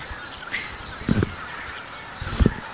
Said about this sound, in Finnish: Mutta siinä meni hanhia meidän edestä oikein hienosti. Joo. Tundrahanhia. Siinä oli valkoinen otsakilpi.